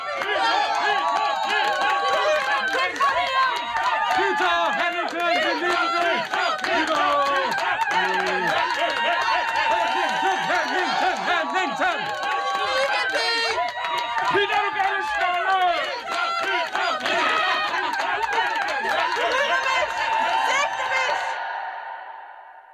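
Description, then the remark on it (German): A large crowd cheers and applauds loudly, a dense roar of many voices and clapping that holds steady for about twenty seconds, then stops abruptly. “Dann setzte die Menschenmenge zum Beifall an. Jubel, Ruhm, Anerkennung.”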